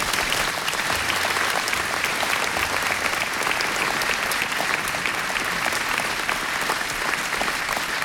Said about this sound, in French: Et je voudrais qu'on les applaudisse.